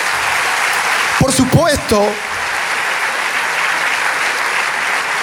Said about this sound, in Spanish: Ahora, por supuesto, todo, si quiere darle ese aplauso al Rey de Reyes.